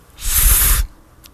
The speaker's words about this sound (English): the sound created by the friction of a liquid dispatched from the narrow nozzle of a spray bottle. I love the feel of its trigger in my first finger. I feel power to irrigate. Like a light rain.